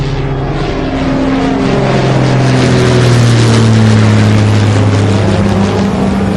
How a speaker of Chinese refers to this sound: 旅客同志们，飞机即将到达目的地北京，现在飞机开始下降，请大家系好安全带。